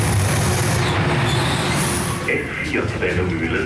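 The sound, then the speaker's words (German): An S4 S-Bahn commuter train of 60-year-old historic carriages pulls into a station at platform 1, its heavy rumble filling the space while thin, high wheel squeals ring out over the noise and gradually ease off. “Schon bei der Einfahrt der S4 merke ich, dass etwas anders ist.”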